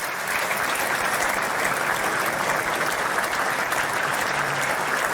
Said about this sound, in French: Le président de la République est guidé par son aide de camp, applaudi par les 25 chefs d'État de gouvernement présents et l'ensemble du gouvernement.